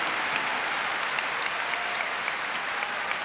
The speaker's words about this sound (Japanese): 取り直しの相撲に感慨この拍手。